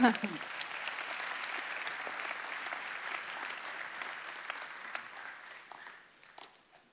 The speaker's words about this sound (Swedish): Tack, lovsångsteamet. Ni är fantastiska. Ja, en applåd för dem.